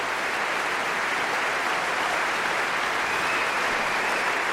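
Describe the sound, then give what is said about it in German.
A large concert audience in the Berliner Philharmonie applauds steadily and loudly, a dense wash of clapping with cheering and scattered whistles rising through it, sustained without a break, celebrating the DSO orchestra and conductor Yamada after Debussy's symphonic poem. “Er gibt gerade jedem persönlich die Hand, auch dem ersten Konzertmeister Veilu gerade, und stellt sich vor sein Orchester, und Sie hören, wie das Publikum jubelt und pfeift.”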